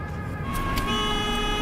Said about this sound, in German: Ein LKW, da Lichter.